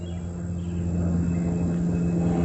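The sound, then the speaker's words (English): A single-prop private plane drones steadily overhead at Camp David, its low engine hum and buzzing tone holding constant and fairly loud throughout, with no one speaking. “So you hear the private plane, single prop, probably looks like a 172, flying overhead.”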